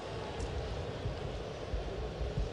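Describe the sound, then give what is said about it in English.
A steady, droning roar of an airplane engine fills the air, with a deep low rumble underneath a broad hiss, holding at a fairly even loudness throughout with no voices. “Go ahead and shut the engine off on the plane.”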